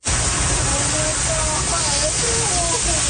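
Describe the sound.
Loud, steady roar of rushing floodwater fills the scene, with several people shouting in alarm over it, their voices rising and falling as the torrent churns on.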